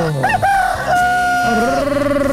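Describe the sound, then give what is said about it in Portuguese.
A rooster crows loudly, one long drawn-out cock-a-doodle-doo with a rising start and a sustained, wavering final note. “galo, galo, galo, galo, galo, galo cantando.”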